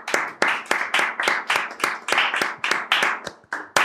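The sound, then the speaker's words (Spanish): Steady hand clapping, about a dozen sharp claps in an even, unhurried rhythm, fairly loud, with no talking over it. “¿Quieres un poquito de un aplauso?”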